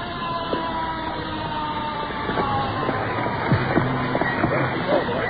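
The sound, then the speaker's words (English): The siren of an arriving emergency unit with a red light, off in the distance, wails over a steady, dense rumble of engine and outdoor noise, its rising and falling tones fairly prominent, with faint background voices mixed in. “Another of our units rolling in. You can see the reflection of this red light against the hills.”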